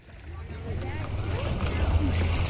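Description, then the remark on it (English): Water of Dale Hollow Lake gently laps at the shore of Trooper Island in Clinton County, on the Kentucky-Tennessee border, with a steady, soft wash over a low wind rumble. Faint, indistinct voices murmur as the sound slowly swells. “Water gently slaps the shore of Trooper Island on Dale Hollow Lake in Clinton County.”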